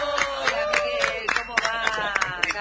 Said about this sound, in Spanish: Un aplauso para recibir a Miguel Ángel Cherutti. ¡Bravo!